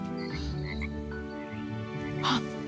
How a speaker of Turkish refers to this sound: Hep yosun tutmuş pislik içinde. Ay kurbağa var.